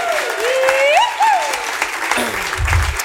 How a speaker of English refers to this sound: So give him another big round of applause.